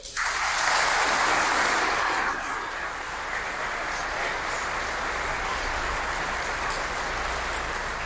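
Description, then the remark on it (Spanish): A church audience applauding God during a sermon, a dense steady roar of many hands clapping, loudest in the first two seconds, then settling into a sustained, slightly softer wash of applause. “Un aplauso a Dios.”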